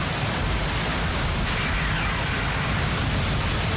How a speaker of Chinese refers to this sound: 怒吼的海浪。